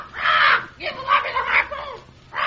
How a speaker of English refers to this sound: Hey, quiet that bird or take him aft.